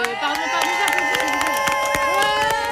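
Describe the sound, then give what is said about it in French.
Hands clap in a loose, irregular run of sharp slaps at a gathering of high-school students in Marseille, over a steady backdrop of crowd noise and voices with a sustained, droning tonal quality. “Pardon, j'applaudis.”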